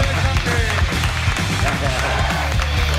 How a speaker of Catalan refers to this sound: Agraeix que la gent aplaudeixi a les 11:33 de la nit.